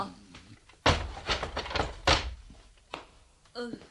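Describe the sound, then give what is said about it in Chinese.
A jail door is unlatched and opened, with a few loud wooden clunks and scraping knocks in quick succession, followed by a short vocal sound at the very end. “娘你都唔敢呃我嘅，等我开门啦吓。”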